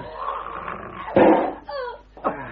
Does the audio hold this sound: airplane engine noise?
no